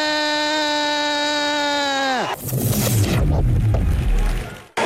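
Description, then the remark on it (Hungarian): A loud, steady end-of-match buzzer horn at a water polo match blares for about two seconds, its harsh tone sagging in pitch as it cuts off, sounding as player Uszkokovics was about to shoot, followed by a burst of loud crowd noise and cheering. “Uszkokovics még lövésre akarta elszánni magát, amikor megszólalt a duda, leernyett a keze”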